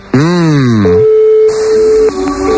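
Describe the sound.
A brief voiced sound with a sweeping pitch gives way to a steady, mid-pitched telephone ringing tone as a call is placed, holding for over a second, breaking briefly, then starting again, fairly loud.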